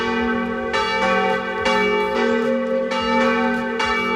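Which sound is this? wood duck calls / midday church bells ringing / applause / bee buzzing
midday church bells ringing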